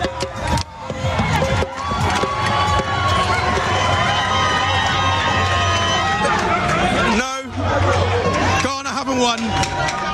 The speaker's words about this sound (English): These guys have been screaming all game.